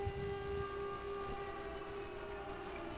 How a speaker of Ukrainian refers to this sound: Увага, повітряна тривога в Івано-Франківському районі.